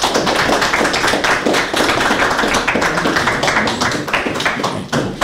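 Audience clapping: a dense, steady crackle of many hands applauding together, loud and sustained for several seconds with no voices over it, thinning slightly just before the end.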